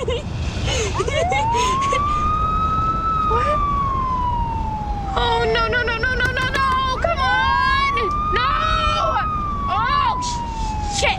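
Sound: police car siren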